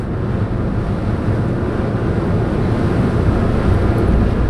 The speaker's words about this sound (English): on the Blue and Gold Fleet ferries on the bay. Something quite meditative about this body of water that we travel on. It's kind of sacred.